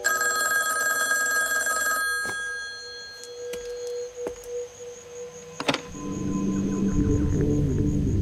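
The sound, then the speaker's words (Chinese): A telephone bell rings loudly and steadily for about two seconds, then cuts off, followed by a few sharp clicks and knocks and a low rumbling background toward the end. No one speaks. The call came from Outpost 103. “哎，你好，刚才那个电话是从103哨站打来的。”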